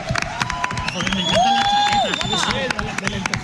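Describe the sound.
A crowd applauds with dense, steady clapping from start to finish, while a long whistle-like tone rises, holds and drops in the middle, with some cheering voices mixed in.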